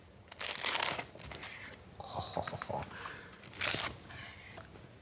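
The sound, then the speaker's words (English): Crisp, crackling crunches of the crust of a fish and prawn pie cooked in a pan breaking as it comes out of the pan, with a loud burst near the start, softer crackles in the middle and another sharp crunch toward the end. “And I want to show you the crunch, but you've got to listen out, right?”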